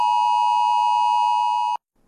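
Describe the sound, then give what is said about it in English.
A loud, steady electronic alert tone from mobile phones holds a single pitch with bright harmonics for nearly two seconds, then cuts off abruptly into near silence. It is a midday test of a new national emergency alert system in a small regional town about 130 km south of Perth, Western Australia. “That's the sound that rang out from phones across this small town, and it's all part of testing for a new national alert system.”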